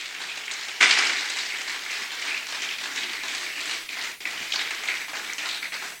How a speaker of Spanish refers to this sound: Dale un aplauso al Creador.